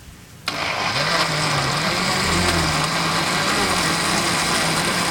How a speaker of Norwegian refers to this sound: Nei, her har jeg gått og bært smoothie-maskinen gjennom over Torgallmenningen for å få blenda den på Narvesen, rett og slett. Ok, så står du klar nå? Jeg står klar nå. Er du klar? Jeg får høre du blender da.